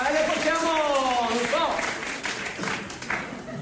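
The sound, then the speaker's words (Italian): A voice calls out over a noisy crowd, then a short burst of scattered audience applause for politician Romano Prodi on his arrival follows, a dense patter of claps that stays fairly loud for about two seconds. “un piccolo applauso per Romano Prodi, no, no!”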